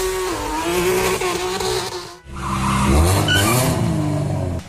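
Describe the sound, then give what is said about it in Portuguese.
Loud car engines roar while tires squeal in sustained, wavering screeches during illegal street racing on the Marginal Pinheiros in São Paulo, broken by a brief dip before a second burst of revving and skidding. No one speaks. “Mais de 30 carros são apreendidos em uma blitz contra rachas na marginal do Pinheiros.”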